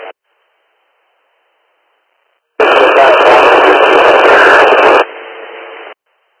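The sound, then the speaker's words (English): A short radio transmission crackles in loud and harsh, heavy static roaring for a couple of seconds before dropping to a quieter hiss and cutting off, with a brief blip just before. “You're coming in with a lot of static.”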